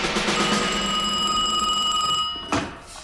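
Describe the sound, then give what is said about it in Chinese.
A telephone rings with a steady, bright metallic trill that runs almost unbroken, then cuts off with a sharp clatter near the end as the receiver is picked up; the call is from the Japanese North China Area Army commander. “长官。华北方面军司令官的电话。”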